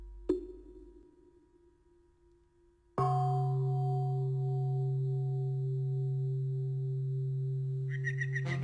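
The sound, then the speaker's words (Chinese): The morning bell of Qingyun Temple at Dinghu Mountain rings twice, sounding as if from far away: first a soft strike that fades, then a much louder, deep stroke whose rich, humming tone sustains and slowly decays. No voices are heard. “你听，这钟声像是从很远的地方传来的。”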